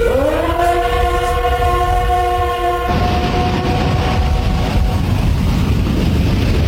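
A train sounds a long, loud horn for about three seconds, then the steady, rumbling roar of the train rolling along the rails carries on, continuous.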